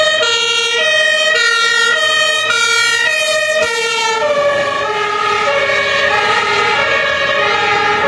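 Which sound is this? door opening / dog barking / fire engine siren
fire engine siren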